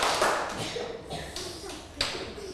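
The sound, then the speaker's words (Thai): A group of children clap their hands in a few separate, slightly ragged bursts, spaced about a second apart, clapping once, twice and three times on a teacher's count, over a noisy background. “ปรบมือ1ครั้งไม่ได้ยินเลยค่ะปรบมือ1ครั้งไปทางด้วยนะคะปรบมือ1ครั้ง2ครั้ง3ครั้ง”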